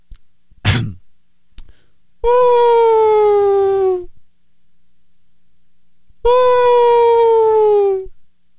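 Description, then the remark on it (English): A voice imitates a whale call: after a short throat-clearing burst, two long, loud, sustained moans slide slowly downward in pitch, separated by a couple of seconds of silence. “Okay, here's my whale impression.”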